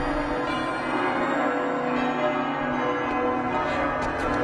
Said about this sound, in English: Ah, listen to the church bells. They're beautiful.